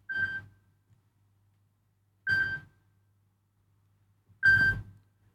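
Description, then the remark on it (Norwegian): A telephone rings three times, each short electronic trill about two seconds apart, steady and mid-to-high pitched, with quiet gaps between and no one speaking. “Det ringer, det ringer, hør vi kan det være.”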